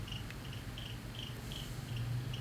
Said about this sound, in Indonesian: Tunggu, aku kayak dengar suara jangkrik. Benar, ada suara jangkrik.